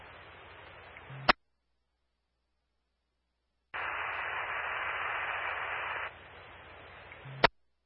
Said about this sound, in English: Right here, static. I'm going to be doing this all day.